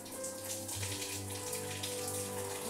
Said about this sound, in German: Hier vorne stressen wir sie eben nicht, sondern dann wird der Rücken und werden eben die Flossen mit kaltem Wasser benetzt, damit sie darüber entsprechend jetzt ein bisschen Kühlung bekommt.